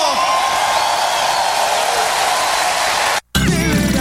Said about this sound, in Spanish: ¿Cuántos tienen libertad para alabar al Señor? Vamos a clamarle con gritos de júbilo.